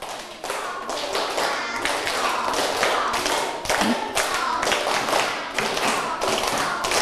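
A group of students claps together in a steady rhythm, a run of sharp, loud bursts that continues without pause for several seconds, following a teacher's call to clap in a stepped pattern. No voices come through.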